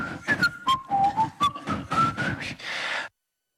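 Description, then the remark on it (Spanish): A clear, fairly loud whistled tune of music by Bernaola glides through several sustained notes over rhythmic instrumental backing, then cuts off abruptly after about three seconds; the tune is one that all of Donosti (San Sebastián) whistles. “Un momento de verano azul en el cual todo Donosti silbará.”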